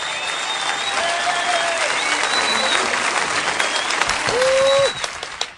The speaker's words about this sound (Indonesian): Kita berikan tepuk tangan yang meriah.